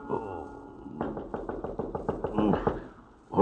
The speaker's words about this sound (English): I am on my bed when I hear a knock on my door.